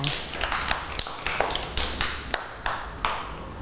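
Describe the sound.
A group of children clapping for a child who has just told the class about a trip, in a loose, uneven patter of sharp, bright claps that runs steadily for a few seconds, with faint voices murmuring underneath.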